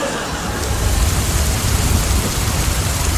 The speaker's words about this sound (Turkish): Al sana yağmur bak. Yağmur isteyenler buyurun efendim, şırıl şırıl. Al o. Ne güzel yağıyor be. Şırıl şırıl, mükemmel.